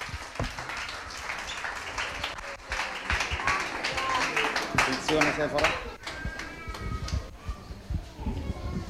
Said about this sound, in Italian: Facciamo un altro applauso perché c'è sempre l'emozione, ma grazie, grazie.